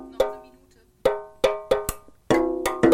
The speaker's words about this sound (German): Wir musizieren zusammen auf Dosen